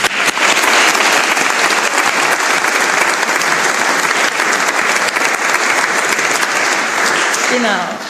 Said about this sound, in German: Es ist Zeit, dass ein herzlichen Dank ans Team von Mission Waldviertel für die musikalische Umrahmung und auch an die Orgel natürlich. Ich glaube, sie haben sich auch einen riesen Applaus verdient.